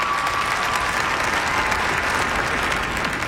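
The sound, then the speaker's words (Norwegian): Steady, dense applause from a crowd as King Harald pulls the cord and the cloth comes off a 3.5-metre-high statue, a continuous crackle of many hands clapping at an even loudness for the whole stretch, with no voices standing out. “Humorkongen, laksekongen, folkekongen, han viste sitt sanne jeg, og så er det applaus.”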